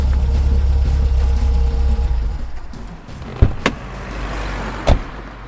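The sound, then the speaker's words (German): A car engine rumbles steadily, then winds down as the vehicle comes to a halt, followed by a few sharp mechanical clunks and clicks in the quiet. “Ich hätte Sie zu gern aus dem fahrenden Wagen geworfen.”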